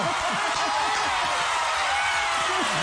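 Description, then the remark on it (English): Hands clapping to congratulate Rwanda in a dense, continuous patter that stays loud for about three seconds, with a few voices whooping and calling out underneath. “No, like, we need to clap.”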